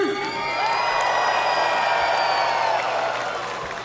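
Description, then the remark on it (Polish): A crowd at a fight event cheers and whoops loudly and continuously for about four seconds, voting on who will become middleweight champion, with shrill voices rising above the dense roar before it begins to ease off at the end. “Tłum przemówił.”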